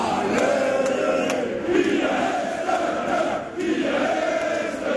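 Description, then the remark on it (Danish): A large crowd of Randers FC football fans in light blue shirts sings loudly together, a dense, sustained chant with rising and falling melodic lines carried over a constant roar of voices, after the club's first three points of the Superliga season. “Og så er der altså også nogen i lyseblå trøjer, der synger ekstra højt med på den her.”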